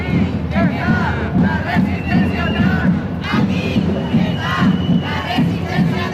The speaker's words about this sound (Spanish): Anoche, manifestación en Gran Canaria.